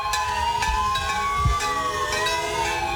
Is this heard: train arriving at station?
no